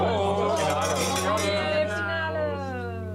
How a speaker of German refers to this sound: Können wir mal anstoßen, oder?